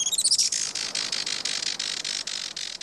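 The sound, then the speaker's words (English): A Juan Fernandez firecrown hummingbird calls: a few sharp, high chirps open, then a steady run of rapid, buzzy, squeaky pulses continues to the end with no voices. “Today, conservationists with Oikonos ecosystem knowledge are working to restore the island's native forests and to ensure a bright future for the Juan Fernandez firecrown.”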